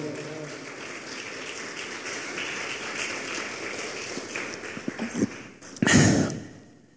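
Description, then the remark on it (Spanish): Audience applause at a Spanish-language church sermon, a steady crackling wash of many hands clapping that holds for several seconds, swells with a loud burst near the end, then drops away. “Y un aplauso, por favor.”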